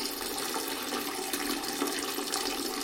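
A toilet flushing with a steady, hissing rush of water, fairly loud, running continuously for the whole moment without anyone talking.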